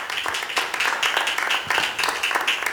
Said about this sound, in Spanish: Aleluya, dele palmas al Señor, hermano. Aleluya, gloria a Dios.